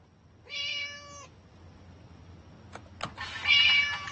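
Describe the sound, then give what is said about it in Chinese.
An orange cat, a pet named Doubao, lets out a drawn-out meow, followed a couple of seconds later by a second, harsher meow after a few faint clicks, both clear with no talking. “来，给他们凶一个。 声音还是一个声音。”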